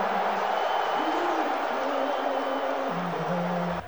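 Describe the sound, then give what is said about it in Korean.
A dense, sustained roar from a large basketball arena crowd at an NBA Finals Game 2 involving the New York Knicks, booing as President Trump appears on the big screen, steady and loud throughout, with low drawn-out booing tones running beneath the broad wash of voices. “농구장 대형 스크린에 트럼프 대통령이 등장하자 야유가 터져나옵니다.”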